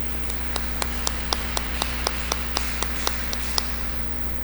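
Applause comes through as a steady, even run of about a dozen sharp claps, roughly four per second, fairly faint over a constant low hum, with no one talking.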